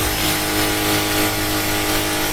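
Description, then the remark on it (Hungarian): An electric drill runs steadily without pause, a loud, constant motor whine layered with bright buzzing noise and a low hum. No one speaks. “Ez egy fúró gép.”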